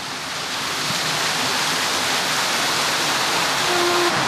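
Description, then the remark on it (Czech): Loud, steady rushing water pours continuously as the released stream visibly strengthens and sets a large water wheel spinning, a dense roaring wash. There are no voices, and a faint low mechanical hum surfaces near the end. “Proud vody už viditelně zmohutněl, kolo se roztočilo, tak jdeme dovnitř, abychom viděli, co to dělá vlastně.”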